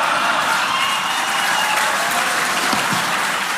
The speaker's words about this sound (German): Das Erschreckende für mich war nicht Steimle. Das Erschreckende war das Gegröhle und Gefeixe im Publikum und das Schweigen von Ulrich Siegmund und Tino Chrupalla, die neben Steimle saßen.